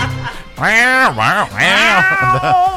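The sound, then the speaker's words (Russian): A person loudly imitates an angry cat, producing two long, wavering, strained meows in a row followed by a shorter, lower whine, with no other talk. “Злишься, мяукаешь агрессивно, тревожишься жалобно, расстроен с надрывом.”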